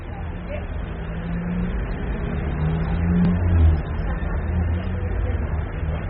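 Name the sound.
street traffic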